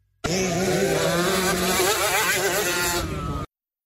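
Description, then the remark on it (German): Several high-pitched engines of small motocross motorcycles rev and whine together in a loud, continuous buzzing drone, pitches rising and falling as they accelerate, lasting a few seconds before cutting off abruptly. “Nein. Sondern um Motocross.”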